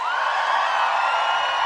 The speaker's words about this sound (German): Kann ich bitte noch einen großen Applaus für die Band?